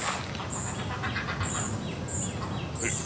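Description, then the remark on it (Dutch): Busy heron colony ambience with repeated high, thin calls and a clattering chorus of herons over a steady, noisy background, several birds calling. “Ecoloog Adsen van der Groot en verslaggever Marlijn Snijders bij de reigers.”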